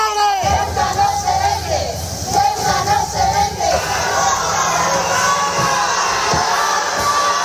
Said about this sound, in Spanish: Sí, ayer regresó Marlaska a Ceuta, efectivamente, y así fue como le recibieron, con gritos y abucheos.